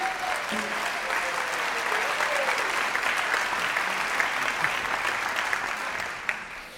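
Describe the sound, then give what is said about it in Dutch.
Sustained audience applause for the NBE, a dense, steady wash of many hands clapping at an even loudness for several seconds, with no voices rising above it. “Een groot applaus voor het NBE, graag.”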